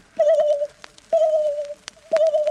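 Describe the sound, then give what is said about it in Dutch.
A voice imitates a submarine sonar ping three times: steady, mid-pitched tones about half a second long, spaced roughly a second apart, each starting sharply and holding before cutting off. “De sonar.”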